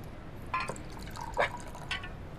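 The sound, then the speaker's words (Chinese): Liquor is poured into a glass in three short bursts, each a bright splashing gurgle with brief pauses between, over a faint steady background hum. “那啥，今天高兴，嗯，咱俩喝点儿， 少整点也行。够了，够了，够了。”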